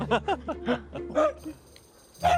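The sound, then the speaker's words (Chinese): An excited dog gives a quick run of high, yelping barks and whines, pauses briefly, then lets out one more sharp yelp, with no talking. “狗挺兴奋呢，这会儿。”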